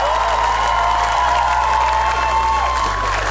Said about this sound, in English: So once again, a quick round of applause yet again.